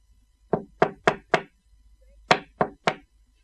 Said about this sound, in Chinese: 这阵夜深人静，就快11点，有人敲他的窗户。